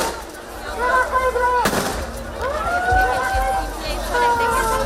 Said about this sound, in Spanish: La situación se ha desbordado en algunos momentos, por lo que la policía ha tenido, como les digo, que hacer disparos al aire y utilizar sus porras para contenerlos.